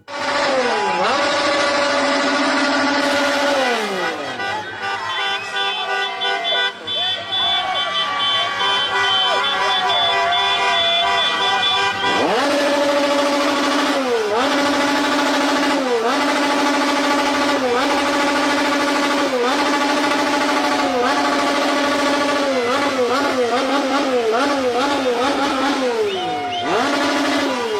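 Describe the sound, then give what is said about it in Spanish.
Motor scooter engines rev loudly and repeatedly, their pitch rising and falling in steady waves, with horn toots and a noisy crowd din mixed in throughout, in a city's hospital zone. “Los de las motonetas, el Acamoto, se los llevamos a los de Ecuador.”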